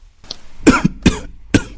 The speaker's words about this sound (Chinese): 连续咳嗽几声，连忙拿起桌上的纸巾擦嘴，并吐出一口带血的痰。